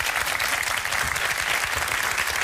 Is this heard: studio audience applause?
yes